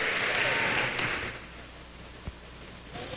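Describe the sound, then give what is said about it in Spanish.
An audience at a Christian worship service claps together in praise of Christ in a dense, steady burst of applause that lasts about a second and a half, then quickly fades, leaving a low murmur and a stray clap or two. “Aleluya, esas palmas al Rey, hermano.”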